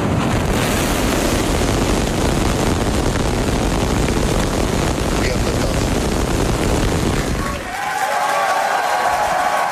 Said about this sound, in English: Starship, the largest and most powerful rocket in history, launched from Texas. SpaceX employees cheered as the rocket blasted off from its new launch pad in Texas. 5, 4, 3, ignition.